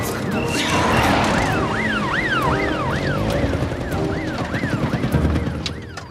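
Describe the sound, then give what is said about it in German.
A police car siren wails in a rapid up-and-down yelp, loud, over dense traffic rumble, then fades somewhat as the police car drives past. “Außerdem rangiere ich doch jetzt hier nicht rum, wenn die Polizei mit Sirenen hinter uns ist.”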